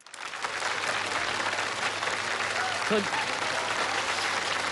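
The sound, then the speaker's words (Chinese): Sustained audience applause, a dense steady wash of clapping that holds at an even level throughout, with a brief voiced sound briefly rising above it near the end. “说您还给鼓掌呢，哪来的海报啊？”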